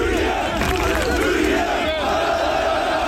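A loud, dense crowd of celebrating Turkish football fans cheers and chants continuously, with shouted voices blending into a steady roar and some car honking mixed into the din.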